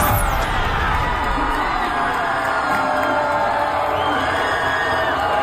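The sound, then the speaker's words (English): A large crowd of 24- to 28-year-olds yells, whoops and cheers continuously after a candidate wins a primary election in Colorado, a dense wall of excited voices with scattered higher shouts rising above the roar throughout. “Bunch of 24 to 28 year olds yelling and screaming because a radical communist just won a primary in Colorado.”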